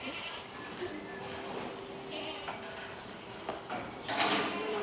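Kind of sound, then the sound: animal, goats bleating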